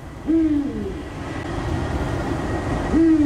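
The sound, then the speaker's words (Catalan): A Eurasian eagle-owl, the largest nocturnal bird in Catalonia, gives two deep, low hoots, one near the start and another near the end, over a steady background rumble on a cold night. “És un duc, és l'au nocturna més gran que tenim a Catalunya.”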